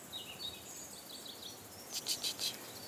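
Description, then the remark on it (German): Birds call back and forth from one side of a valley in the Alentejo to the other, thin chirps and warbles early on, then a brighter burst of four quick, louder calls near the end over a soft outdoor hush. “Sie unterhalten sich von der einen zur anderen Seite des Tals miteinander.”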